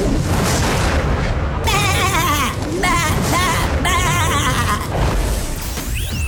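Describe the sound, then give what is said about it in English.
A sheep bleats in two long, quavering cries, loud, over a heavy rumbling, booming background like a dramatic film soundtrack, set into a famous movie scene in place of its famous quote. “Where I've taken a famous movie scene and replaced that very famous quote with a sheep.”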